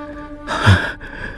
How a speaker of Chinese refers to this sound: 他突然咳嗽起来。